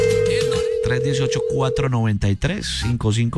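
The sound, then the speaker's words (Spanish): A WhatsApp outgoing call ringing tone, from a contest call placed on the radio station Mix 89.9, holds as one steady, continuous beep for nearly two seconds, fairly loud beneath people talking, then cuts off while the voices carry on. “Estoy llamando por WhatsApp, la llamadas por WhatsApp a un número que empieza por 318”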